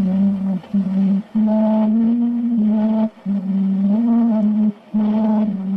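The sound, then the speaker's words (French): An early, scratchy recording of the tune Au clair de la lune, the first audio recording, made by Edison: a single voice holds long wavering notes in short phrases separated by brief pauses, all wrapped in steady crackly hiss. “Pour la petite anecdote, c'est Edison qui a réalisé le premier enregistrement audio.”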